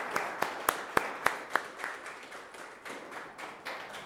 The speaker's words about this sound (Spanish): Les damos un fuerte aplauso a todas las mamás, especialmente a la Virgen María.